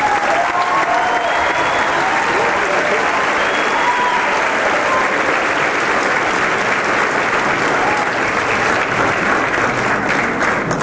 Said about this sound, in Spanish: Yo quisiera que lo recibamos con un fuerte aplauso.